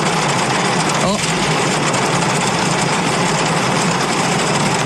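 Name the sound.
car engine running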